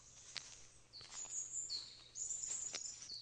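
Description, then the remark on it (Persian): Capercaillie calls, from a large bird that nests on the ground: thin, high-pitched scraping whistles run almost continuously, broken by a few sharp clicks. The sound is fairly quiet and unaccompanied, with no voices. “کاپاکلی یکی از انواع بزرگ پرندگان است که بر روی زمین لانه می سازد.”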